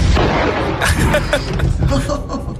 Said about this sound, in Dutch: Het is gewoon letterlijk die klap van die Cobra 6.